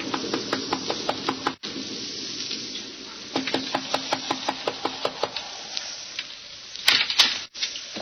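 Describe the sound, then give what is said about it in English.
A traveler knocks on the wooden door of the Wharton farmhouse, a cottage in Westchester County, early in the evening as a storm approaches: rapid, sharp knocks in bursts, a quick run of about eight raps, a pause, a longer run of about ten, then a couple more, over a steady crackling hiss. “It is early in the evening, but the sky over Westchester County is dark and signals the approach of a storm as a solitary traveler makes his way to the Wharton farmhouse, a lonely cottage overlooking the valley. He knocks at the door.”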